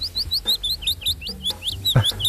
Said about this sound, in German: Platz 2. Habt ihr wahrscheinlich noch nie gehört, ich auch nicht, aber klingt sehr, sehr schön. Der Fitis-Laubsänger.